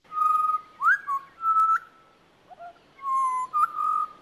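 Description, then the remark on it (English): A pied butcherbird sings clear, flute-like whistled notes, sustained tones with quick upward slides, in two short phrases separated by a brief pause, loud with no one speaking. “This is one of the butcher birds. This is the pied butcher bird.”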